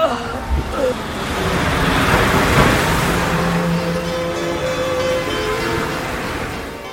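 A car pulls away from an accident scene carrying an injured person to hospital, its engine and road noise swelling into a steady rush that holds for several seconds, with brief muffled voices at the very start.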